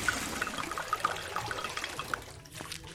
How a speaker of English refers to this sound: Went all the way back to the river. Poured the water back in.